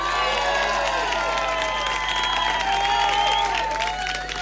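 An audience applauds loudly and steadily, a dense wash of clapping mixed with cheers and high, sliding whistles that runs unbroken for several seconds before easing slightly at the end.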